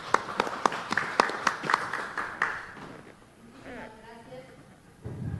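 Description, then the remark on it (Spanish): A burst of applause with sharp, distinct claps for about two and a half seconds for regional councillor Irma Ábalos Contreras of Otuzco province, at the Trujillo press conference for the fourth Virgen de la Puerta agricultural and artisan exposition, fading out before a voice starts speaking briefly afterward. “Fuerte los aplausos.”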